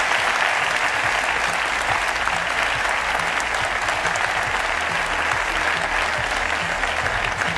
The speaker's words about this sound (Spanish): Me gustaría pediros un aplauso para ellos.